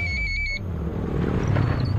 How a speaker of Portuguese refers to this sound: Ouviu essa moto? Deve ser um entregador.